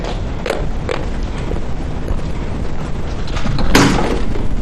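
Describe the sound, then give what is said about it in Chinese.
Two sharp knocks land about half a second apart on a door that can be opened by entering a passcode, followed a few seconds later by a louder bump of the door itself against a steady background hum. “以后进门按密码就行了，不用敲门啊。”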